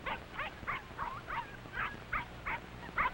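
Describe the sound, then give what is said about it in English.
Puppies bark and yip in quick, overlapping bursts, about ten short high-pitched yelps over a few seconds, sounding like a scuffle with no one talking. “Now, pups, no time to fight.”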